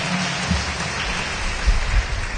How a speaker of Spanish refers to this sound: Ay, afuera, fuerte aplauso